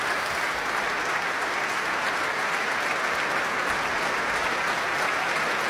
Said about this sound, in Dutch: Groot applaus ook van de muzici van het orkest. Applaus nu ook voor de solisten uit het orkest.